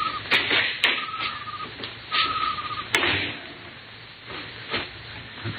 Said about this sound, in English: Here's the door.